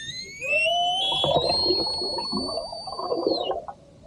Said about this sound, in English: The sound of orca whales in the Strait of Gibraltar, where Spanish officials have launched an investigation after the matriarch of a pod of whales known for jostling boats off the Iberian Peninsula